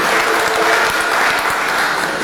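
A church community applauds steadily to thank a sister, many hands clapping in a dense, continuous patter that stays loud and even throughout, with no voices standing out.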